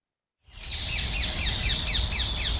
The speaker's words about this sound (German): In Köln sind sie überall, diese quietschgrünen, ständig quasselnden Vögel.